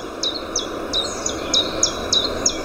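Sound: common chiffchaff song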